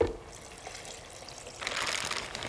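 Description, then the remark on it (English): Three-quarters of a cup of water is poured into a blender jar, a soft trickle that swells into a louder, steady splashing stream partway through, with no one talking. “And we want some water, so I've got 3/4 of a cup of water.”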